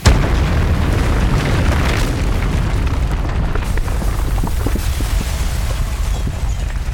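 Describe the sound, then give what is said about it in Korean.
A loud, deep boom opens into a sustained low rumble of a bunker collapsing, with scattered cracks and debris impacts clattering through the roar for several seconds. “마침내 지옥 같은 계단을 올라 벙커에서 빠져나왔을 때 등 뒤에서 벙커가 무너져 내렸다.”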